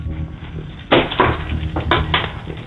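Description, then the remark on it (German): A radio caller jingles keys in a drawer in the entrance area of a home, in several short, bright bursts over a low steady hum. The sound is thin and muffled, as if heard over a telephone line. “Und das beweist du uns einmal bitte, indem du dir einen Schlüssel schnappst und den so klimperst.”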